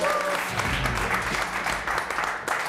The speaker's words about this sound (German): Kleinen Applaus.